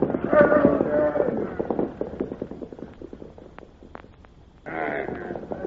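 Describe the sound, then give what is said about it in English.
Horses' hooves clip-clop in a loose, uneven run of sharp knocks as soldiers mount their horses, following a louder, voice-like stretch and then giving way to a sudden burst of hissing noise. “Mount your horses.”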